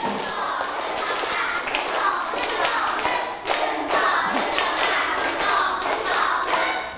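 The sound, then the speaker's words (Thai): A group of children clap together in a steady rhythmic pattern, one round of a clapping step routine, the sharp, bright claps continuous and fairly loud, with a brief pause partway through. “เด็กดีปรบมือเป็นสเต็ปหนึ่งรอบ”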